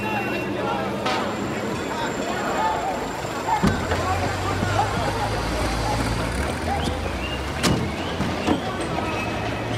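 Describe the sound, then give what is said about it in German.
A car drives along with a steady engine and road rumble; a few seconds in, a window slides open to let in some air and the low wind rush grows louder, with muffled voices underneath. “mach das Fenster auf und lass ein Lüftchen rein.”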